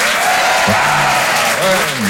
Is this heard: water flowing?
no